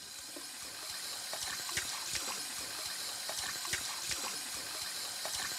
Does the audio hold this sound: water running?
yes